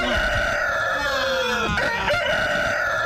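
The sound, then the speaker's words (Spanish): A rooster crows loudly, a strained, wavering cock-a-doodle-doo filling the whole moment with its harsh, rising and falling call, heard on its own without any talking. “Es el gallo, el carajo gallo, sí.”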